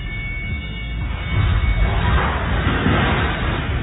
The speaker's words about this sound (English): That doesn't sound good. Oh, yep. Scoreboard crashed about 30 feet down to the floor. It broke into a gazillion pieces, damaged the gym floor.